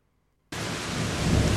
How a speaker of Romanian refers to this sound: Am să vă las și pe voi să auziți ploaia. Așa de tare plouă și tună și eu am deschis geamul ca să se mai răcorească.